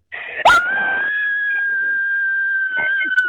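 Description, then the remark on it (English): A woman lets out a long, loud, high-pitched horror scream for a scream contest, held steadily for about three seconds after a brief noisy burst at the start, with no talking over it. “We're about to scream.”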